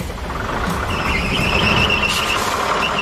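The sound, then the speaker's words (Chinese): A heavy vehicle's engine drones steadily for the whole stretch as it drives toward an S-shaped road during a driving skills competition, with a thin, high whine riding above the low rumble and no voices present. “车辆正在驶向 S 型路，现场却出现了爆炸和浓烟，这都是刚才训练时候没有的干扰因素。”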